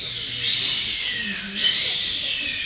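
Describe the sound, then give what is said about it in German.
Voices imitate waves breaking on a beach with a steady, breathy shushing hiss that swells, fades briefly, then surges again in a second rush. No words are spoken. “So Wellen, die an einem Strand stoßen.”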